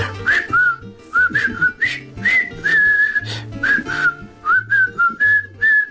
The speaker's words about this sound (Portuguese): O filme da Ponte do Rio Kauai. E que clássico. Vou rever hoje no VHS. Tem uma banda sonora em assobios muito melhor do que muitos que andam para ir a cantar hoje em dia.